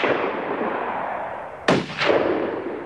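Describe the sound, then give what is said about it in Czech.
Two sharp gunshots fired at a boat crack out over a steady rushing background noise, the first loud and abrupt, the second following a fraction of a second later with a longer, rougher tail. “Pátku, pal na ten člun!”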